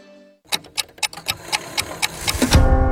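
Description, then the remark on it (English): A clock ticks in a quick, steady rhythm, about a dozen crisp ticks with no talking, and a brighter swelling sound rises underneath in the final half second. “It happens every night. The clock strikes dinner”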